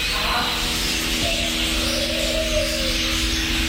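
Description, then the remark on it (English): A busy aviary ambience at the Canberra Walk-in Aviary, Gold Creek Village, Nicholls: about 60 species of birds in a 1,000 square metre sanctuary calling and chirping, with soft dove-like coos over a steady, dense background wash, moderately loud and continuous throughout. “Film, feed, or just lose yourself amongst the 60 species of birds and their 1,000 square metres of sanctuary.”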